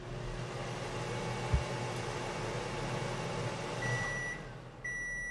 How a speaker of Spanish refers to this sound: Vale. Ya se ha oído el pitido.